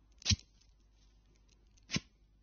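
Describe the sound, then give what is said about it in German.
Outside a door, a man pulls his jacket zipper tightly closed: two quick, raspy zips, fairly soft, separated by a pause of over a second with quiet in between. “Vor der Tür zieht er sich erstmal den Reißverschluss seiner Jacke fest zu.”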